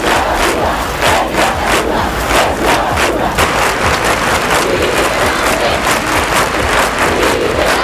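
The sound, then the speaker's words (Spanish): A large crowd in Spain shouts and chants together at a candlelight vigil on 12 July 1997 calling for the release of Miguel Ángel Blanco, in a dense, continuous roar, with rhythmic bursts of voices rising and falling throughout. “Y la España que ya se había levantado para pedir la liberación de Miguel Ángel Blanco, a esta misma hora, 11 y 8, en aquel 12 de julio de 1997, se manifestaba en vigilias con velas y con gritos desesperados.”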